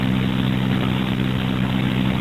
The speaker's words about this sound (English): Just missed the eloquent sounds of some garbage trucks that were doing the sanitation work that you're doing, I think.